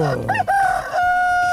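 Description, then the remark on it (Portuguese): A rooster crows once, loud: a brief rising warble that stretches into a long, steady, held note and stays strong to the end. “Galo cantando, relógio tic-taqueando.”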